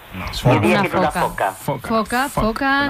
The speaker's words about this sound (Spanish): Bingo para la foca. Venga, foca monje.